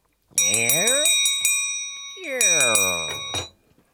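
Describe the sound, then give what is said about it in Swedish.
A door creaks open with a rising, groaning squeal while a shop bell jingles brightly above it, in two bursts separated by a short pause. No one speaks. “Tänk dig ljudet av en dörr som öppnas.”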